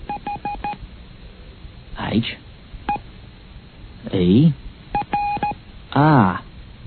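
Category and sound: signal or alarm, telephone number being dialed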